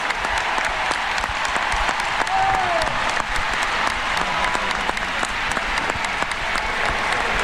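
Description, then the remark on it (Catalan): A large stadium crowd at Ullevaal Stadium gives footballer Alexia Putellas a sustained ovation as she leaves the pitch, dense clapping and cheering rolling steadily, with a faint whistle rising briefly above the roar. “Mira, ara escoltem ovació cap a Alexia Putellas.”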